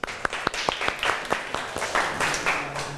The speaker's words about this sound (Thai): กลุ่มสองนะก่อนอื่นปรบมือเพื่อนหน่อยเร็ว